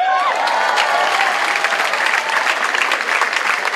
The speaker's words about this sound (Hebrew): איפה כפיים ליוטמן?